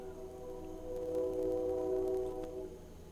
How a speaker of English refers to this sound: Ooh, train. Big, close, love train. Loud.